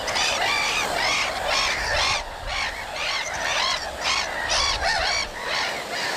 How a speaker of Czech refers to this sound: Tak pozor, pozor, kamarádi, 3, 2, 1, je to Racek. Výborně, slyšíme Racka.